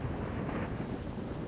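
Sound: rumbling thunder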